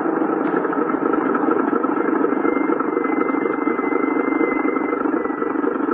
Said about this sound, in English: Look, there, Papa. The car is coming.